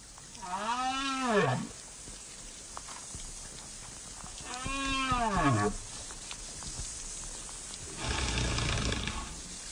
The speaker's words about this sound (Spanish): Muchas veces se piensa que debajo del agua hay un mundo silencioso. Sin embargo, aunque muchas veces no lo podamos percibir, existe un mundo muy rico de comunicación entre especies marinas, por ejemplo, entre las ballenas.